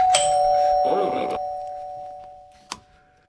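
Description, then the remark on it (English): A doorbell for fish waiting at a water lock chimes once, its bright tone ringing out clearly and slowly fading over a few seconds, with a short sharp click near the end. “And if you get enough fish and everyone presses that doorbell, the lock will open.”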